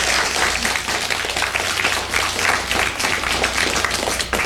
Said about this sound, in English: Big round of applause.